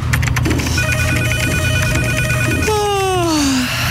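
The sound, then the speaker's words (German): A telephone rings with a fast, trilling electronic tone for about two seconds, then a single loud tone slides downward in pitch, over a steady low rumble. “Wenn Marktforscher bei euch anrufen”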